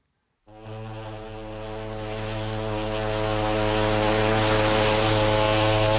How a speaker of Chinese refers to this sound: 香港在望，汽笛声中，客轮渐渐靠近码头。